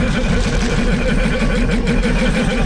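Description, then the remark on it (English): A loud, continuous engine roar with a rough, warbling pulse: the sound of Sir Bulba's pod racer from the Star Wars film, sputtering and whining, steady throughout with no talking. “That's in fact the iconic sound of Sir Bulba's pod racer.”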